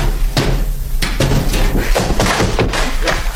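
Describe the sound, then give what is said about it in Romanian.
Heavy knocks thud against a door in uneven bursts, around seven or eight dull, solid blows spread over a few seconds, as the master of the house knocks at the gate to be let in, with no voices alongside them. “Cine bate? Cine strigă?”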